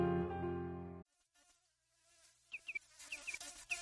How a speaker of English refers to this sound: Humming fish.